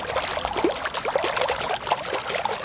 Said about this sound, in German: Eine halbe Stunde vor Eröffnung des Schwimmbeckens direkt vor der Berliner Volksbühne plätschert der leere Pool noch vor sich hin. Die Wasserpumpe funktioniert